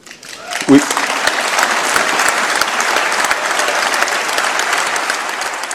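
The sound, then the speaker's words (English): Sustained applause from a large audience at the European Parliament in Strasbourg, France, for Prime Minister Mark Carney speaking there, steady and dense throughout, with a brief louder burst near the start and no speech rising above the clapping. “Prime Minister Mark Carney getting applause in Strasbourg, France this morning.”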